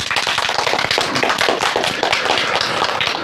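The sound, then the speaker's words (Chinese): A crowd of students applauds steadily for about three seconds, many hands clapping in a dense, overlapping patter at an even, fairly loud level with no voices over it, welcoming the day's second ideological and political counselor. “同学们，让我们掌声有请今天的第2位思政辅导员”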